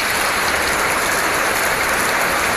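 A steady, dense rain sound effect hisses continuously, a broad wash of countless drops pattering on a surface, fairly loud with no pauses and no voices.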